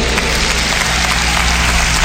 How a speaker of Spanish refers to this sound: a quien voy a pedir un fuerte aplauso anticipadamente, a los músicos de la Sinfónica Nacional, en la dirección de nuestro gran director, Yoshi Hiroshi. Gracias. Tocar con ellos es un lujo y fuerte aplauso para ellos.